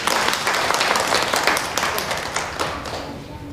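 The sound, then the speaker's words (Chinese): A classroom of students applauding a classmate's correct answer, a dense, steady patter of many hands clapping at once, fairly loud and sustained for a few seconds before easing slightly at the end. No one speaks over it. “给大姐回答的完全正确，同学们给他鼓鼓掌。”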